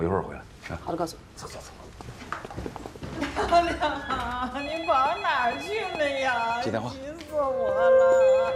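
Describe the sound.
A telephone rings with a bright, repeating electronic tone in a police station, while voices talk over it through most of the stretch.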